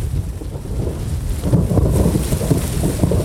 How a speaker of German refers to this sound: Da bist du nicht sicher vor dem Unwetter. Ein heftiger Blitz zuckt am Himmel.